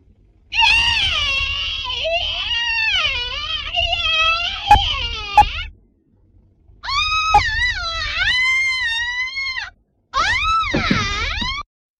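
A person screams in three long, loud bursts while having their hair pulled, for take 29 of a shower scream in a film scene, the shrill pitch wavering and quavering like a wail, with brief silent gaps between them and a couple of sharp knocks underneath.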